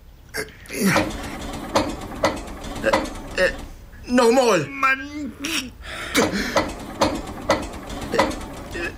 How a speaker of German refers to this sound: Nee, smiet den Motor an.